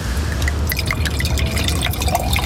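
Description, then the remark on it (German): A drink is poured steadily into a glass as a refill, with bright splashing and dripping sounds throughout and a low rumble underneath. No one speaks. “Darf ich nachschenken?”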